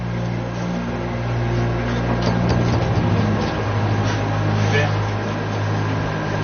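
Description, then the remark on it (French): A submarine's diving planes on the conning tower moving through the water at about 16 metres depth: a steady low mechanical drone with a humming tone and a rushing wash, continuous throughout, with faint muffled voices in the background. “Là, les barres de plongée avancent dans l'eau.”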